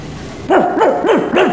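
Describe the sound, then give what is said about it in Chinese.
A man's voice imitates an old dog barking, four loud, hoarse woofs in a steady rhythm, with no other talk. “嗯，好，好，好，好，是条老狗，您就扮老狗吧，请站在橱柜这边。”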